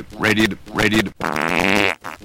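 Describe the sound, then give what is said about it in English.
A voice, introduced as Walter Cronkite, imitates the South American farting frog with a loud, buzzy farting sound: two short sputtering bursts followed by a longer, wetter drawn-out blast, with no other sounds. “And now Walter Cronkite will amuse us with his impression of the South American farting frog.”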